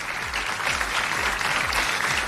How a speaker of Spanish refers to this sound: démosle un fuerte aplauso a todo el jurado de los Pulsar, que tienen una tarea tan, tan, tan difícil.